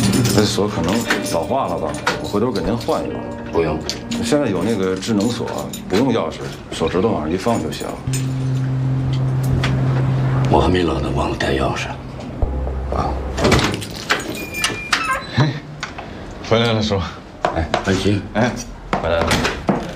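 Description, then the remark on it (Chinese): Metallic jangling and clicking as a key is worked in an old door lock that may be aging, with the door clattering, set against voices talking and a low steady hum. “这锁可能老化了吧，我回头给您换一个。”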